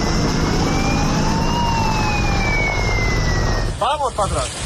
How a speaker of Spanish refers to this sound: Vuelve a ser el sonido de los helicópteros para coger agua, el de las alarmas, las sirenas que irrumpe un día más en la tranquilidad de pueblos de 5 provincias de Castilla y León, comunidad que sigue en situación operativa 2 por incendios forestales